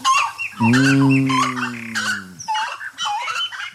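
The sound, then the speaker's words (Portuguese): Birds call and chirp busily in the trees throughout, with a loud, drawn-out low honking cry rising over the chorus for nearly two seconds early on. No one speaks. “Tá cantando nas árvores, né?”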